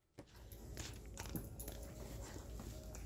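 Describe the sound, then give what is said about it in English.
A dog eats peanut butter, with steady wet licking, smacking and chewing noises running continuously over a low rumble, and no one speaking. “we're watching a mukbang created by Bo and his dog”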